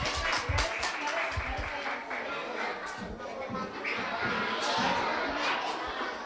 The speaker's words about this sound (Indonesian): Sekali lagi bagi tepuk tangan yang meriah.